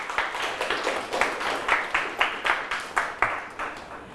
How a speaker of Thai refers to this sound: สุดยอดมากครับปรบมือให้เพื่อนครับ